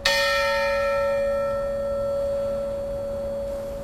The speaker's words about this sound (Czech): Dnešní pořad Historie Plus, ve kterém jste mohli slyšet nejen pamětníky přesunu Mosteckého kostela, ale také nahrávky zvonů z jeho věže